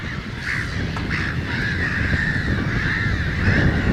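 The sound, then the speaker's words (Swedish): A dense chorus of harsh black-headed gull calls from a large colony of some 1,000 to 3,000 birds on a small marshy islet in a lake, overlapping continuously at a steady, fairly loud level with a broad noisy background of many birds. “Och därför bildar skrattmåsen sådana här kolonier med 1000, 2000, 3000 fåglar.”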